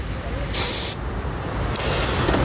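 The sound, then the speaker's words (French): A short, sharp burst of escaping air hisses loudly for under half a second, followed by a softer, longer hiss, over a low rumbling background, as a car's driver-side tire pressure is checked at a roadside stop in Walloon Brabant. “On peut vérifier peut-être côté conducteur la pression des pneus d'usage.”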